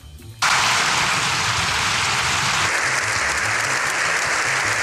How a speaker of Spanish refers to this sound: Siete minutos y dos segundos de aplauso sin interrupción es lo que duró la ovación al Papa tras el discurso.